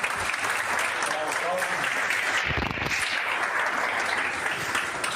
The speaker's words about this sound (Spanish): Así que un gran aplauso para...